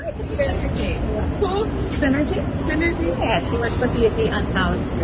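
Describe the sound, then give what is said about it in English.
A busy crowd of travelers murmurs steadily with overlapping voices and footsteps as they bustle toward trains and buses across a white granite floor under vaulted, gold-leaf ceilings of a historic travel hub near the U.S. Capitol, while the low rumble of idling vehicles fills the background. “Under vaulted ceilings decorated with gold leaf, travelers bustle towards trains and buses.”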